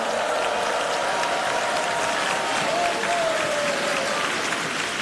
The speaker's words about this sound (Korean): 힘찬 무대를 보여준 우리 어린이 합창단에게 다시 한번 큰 박수 보내주시기 바랍니다.